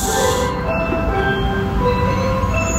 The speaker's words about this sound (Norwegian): Og dette jo lyden av, ikke bare isbilen, men lyden av alle de barna, som du da ikke hører akkurat her